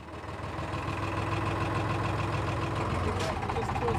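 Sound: boat engine idling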